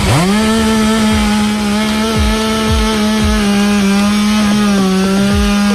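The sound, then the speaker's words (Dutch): In Maastricht, firefighters use a chainsaw to remove storm-felled trees from the road; it revs up and runs at a steady, loud whine, its engine pitch dipping briefly several times as the blade bites into wood. No one speaks. “Daar zijn ook meerdere bomen de weg opgewaaid. De brandweer heeft ze moeten weghalen met de kettingzaag.”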